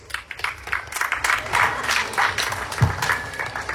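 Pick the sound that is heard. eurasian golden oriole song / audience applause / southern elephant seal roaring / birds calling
audience applause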